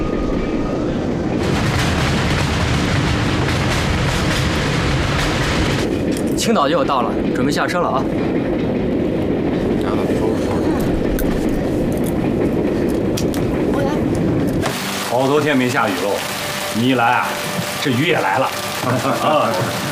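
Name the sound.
train running on rails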